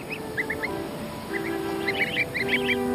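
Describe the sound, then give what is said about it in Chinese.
Greylag goose goslings, still too young to fly, peep in quick high-pitched bursts on grass by the water. The calls are scattered at first, then thicker toward the end, over a steady low hum of background noise. “好在一旁的灰雁雏鸟更容易得手。”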